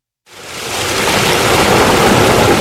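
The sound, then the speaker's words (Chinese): A powerful roar of rushing water bursts in after a brief silence and holds steady, a dense, continuous torrent with no voices: the Yarkand River, longest source stream of the Tarim River in Xinjiang, surging down as the electronic sluice gate of the Aliktamu water intake is slowly raised on August 6. “8月6号，随着艾里克塔木取水的电子闸门缓缓抬升，塔里木河的最长源流叶尔羌河河水奔涌而下，水流一路绵延超过350公里，在与和田河交汇后最终汇入塔里木河干流。”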